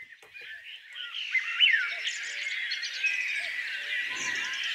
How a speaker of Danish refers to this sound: Fuglefløjt og høj sol, det går mildest talt op og ned i showbiz.